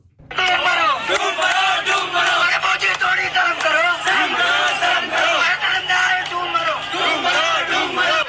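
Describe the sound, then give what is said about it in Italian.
A large crowd of thousands of young people shouts in protest in the streets of Delhi, India. Many overlapping voices yell and chant together at a steady, loud level with no break for the whole stretch. “In migliaia ieri i giovani indiani sono scesi in piazza a Delhi per urlare il loro dissenso.”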